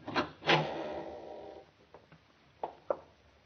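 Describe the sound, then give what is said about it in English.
A loose wooden floorboard in another room of a house creaks and groans under weight: two sharp squeaks followed by a drawn-out rubbing creak, then several fainter, shorter squeaks spaced apart, with no voices. “Sounds like a loose board squeaking in the other room.”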